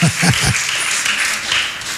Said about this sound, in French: Les spectateurs de ce soir vont vous applaudir très fort. Mais oui, une petite cascade du papa qu'on applaudit. On applaudit, bravo.